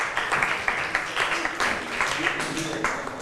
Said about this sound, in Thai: ขอบคุณค่ะปรบมือให้เพื่อนทั้งสองคนหน่อยค่ะ